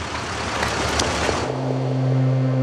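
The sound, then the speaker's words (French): A car engine runs continuously in a broad rumbling wash, then settles into a steady low idle hum with a clear tonal drone, moderately loud, with no voices; in a dramatized scene, Blum's car is stuck in a crowd of pedestrians gathered for Jacques Bainville's funeral. “Et fatalitas, sa voiture est prise dans un embouteillage de piétons.”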